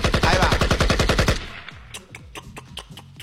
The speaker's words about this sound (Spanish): Vamos de nuevo con los disparos, por favor.